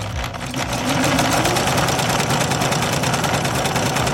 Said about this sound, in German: Darum machst du jetzt mit mir direkt den Test. Kannst du den Stich dieser Nähmaschine am Geräusch erkennen?